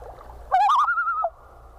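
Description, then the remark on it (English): A bird's type 3 tremolo call: one loud, quavering call lasting under a second, wavering rapidly before stepping up and holding a higher pitch, with only a faint low rumble around it. “And finally, the type 3 tremolo goes a step higher.”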